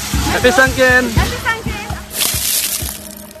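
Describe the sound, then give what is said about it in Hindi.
Water splashes and sloshes loudly, ending in a broad rushing splash as people pour bucketfuls of water over one another during a festival celebration, with excited voices calling out over it throughout. “हंसी खुशी के इस वातावरण में वल्लरी ने देखा कि लोग एक दूसरे पर बाल्टियां भर भर कर पानी डाल रहे हैं।”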